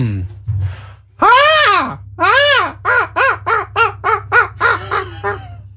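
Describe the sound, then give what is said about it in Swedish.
A person imitates a cheap-sounding seagull with a thin, nasal voice: two long rising-falling wails, then a rapid run of about eight shorter, choppy squawks, loud with no other talking. “föreställ dig en mås som man har köpt på Temu. Då får man ungefär det här ljudet.”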